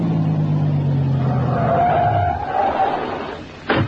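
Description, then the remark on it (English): A car engine drones loudly, its low hum sliding downward as the vehicle slows and stops on a dead-end road at a cave entrance, followed near the end by a single sharp knock or thump. “There's a car. It stopped.”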